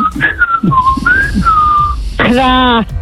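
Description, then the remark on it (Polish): A person whistles a series of short, bird-like notes that rise and glide, followed by a brief, buzzy, harmonic-rich call near the end, imitating a bird as a morning wake-up call on a radio show on Migratory Bird Day. “Może za gwizdę.”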